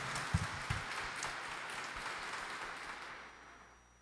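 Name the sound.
audience applauding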